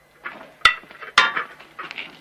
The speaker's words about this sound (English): collects more plates ready for serving.